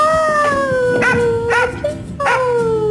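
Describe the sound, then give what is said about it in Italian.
Joy, a police officer's dog in the Polizia di Stato spot "Se non ti porto non parto" against animal abandonment, howls in long, sustained, slowly falling tones, broken by three short, sharp barks. It sounds loud, with no talking. “E per sensibilizzare sul tema, la Polizia di Stato ha lanciato lo spot "Se non ti porto non parto", dove una poliziotta dialoga amorevolmente con il suo cane Joy.”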